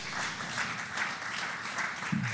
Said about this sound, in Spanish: Muchas gracias. Damos un fuerte aplauso al Señor.